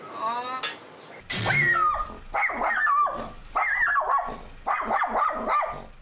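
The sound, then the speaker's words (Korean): A dog, Garu, barks anxiously outside while its owner works, looking for its owner, in a rapid series of high-pitched, whiny barks and yelps, insistent, after a brief whimper at the start. “저렇게 짖으면은 옆에 있는 로이도 또 스트레스 받을 것 같아서.”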